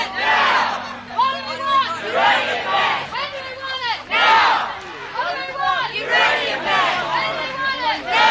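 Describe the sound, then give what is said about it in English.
A crowd of protesters circling a high-security area at a mine site, holding balloons and banners, chants in loud, rhythmic surges, voices rising and falling together in repeated phrases such as "What do we want?" roughly every second or two, with a low steady hum underneath throughout. “Protesters have formed a circle around the high security area, and they're now moving around, most people holding balloons and banners and chanting, as you can hear in the background.”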